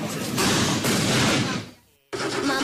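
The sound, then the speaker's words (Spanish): Loud, dense fireworks explosions crackle and boom in rapid bursts, briefly fading to near silence before another burst erupts. “Superamara, patrocinador oficial del concurso internacional de fuegos artificiales de Donostia.”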